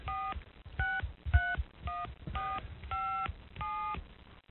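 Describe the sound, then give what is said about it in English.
A touch-tone phone being dialed to call out: seven or so short, evenly spaced dual-pitched beeps in a quick steady rhythm, clear, with faint low rumbling underneath and no talking. “I wonder if I can dial out on this phone.”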